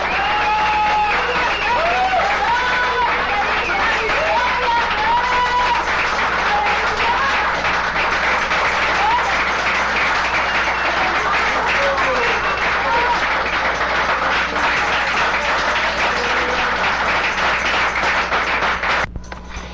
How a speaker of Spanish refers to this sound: ¡Otro aplauso a nuestro Rey, hermano! ¡Gloria a Dios!